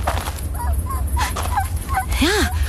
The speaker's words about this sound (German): Halt. Hörst du das? Was? Ein Winseln.